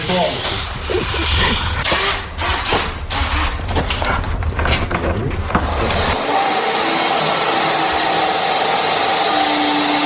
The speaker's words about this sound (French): C'est quoi cette grande planche là, Bertrand, que vous êtes en train de couper, de scier?